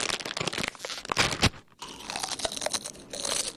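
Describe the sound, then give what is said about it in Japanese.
Crunchy afternoon snack being chewed, a dense run of crisp, crackling bites with a brief pause midway before the munching resumes, loud and alone without any talking. “おやつにしましょう。”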